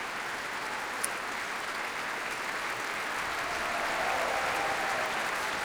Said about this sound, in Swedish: Ja, jubel för träblåsarna här också. Och som sagt, stående ovationer i Berwaldhallen.